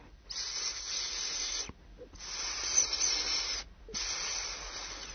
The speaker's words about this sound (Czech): Josef často usínal za zvuku tichého syčení Rýši, který mu tiše šeptal do ucha.